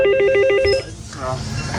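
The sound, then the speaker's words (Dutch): A small bell signal calling someone to open the village bridge by hand for a passing boat: a short, rapid, high warbling ring lasting under a second, like a telephone bell, followed by a voice answering for Albert Heijn Schipluiden. “En dat belletje, dat klinkt dan als volgt.”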